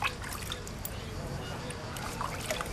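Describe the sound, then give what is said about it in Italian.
Water splashes and trickles steadily for a few seconds as someone refreshes Balù, a 15-year-old dog, with water on a very hot day, a continuous sloshing and dribbling with indistinct voices murmuring in the background. “c'è oggi molto caldo e lo sto difocillando con l'acqua, perché anche lui soffre,”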